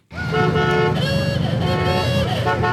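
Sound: vintage cars rattling past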